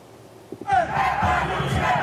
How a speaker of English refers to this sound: A pro-Palestinian demonstration was held in Berlin, Germany's capital, where large crowds gathered to protest Israel's military operations in Gaza and Lebanon and to express solidarity with Palestinians.